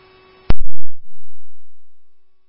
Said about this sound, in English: Woodbury 11F, Woodbury Battalion 1, these are your tones for the unknown medical at 9470 Hudson Road.